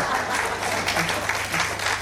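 A crowd claps steadily for two seconds, a dense, even patter of many hands at a moderate level with no clear break or single standout clap.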